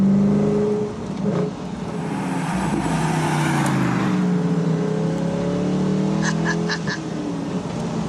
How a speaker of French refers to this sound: Alors on est là au volant de la dernière Morgane de l'histoire avec un V8 qui en aura. Et puis V8 à trop. Écoutez-moi ça.